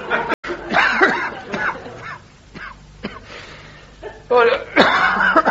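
A doctor coughs repeatedly in harsh, rasping bursts, fairly loud, with short pauses between fits and a strained, throaty quality to each spasm.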